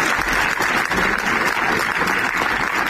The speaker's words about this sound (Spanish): Este es el aplauso que ha roto el minuto de silencio esta mañana en la capital aragonesa en recuerdo de un bombero y un trabajador del taller de esta localidad de Calatorao y que fallecían tras caerles encima un muro de la nave.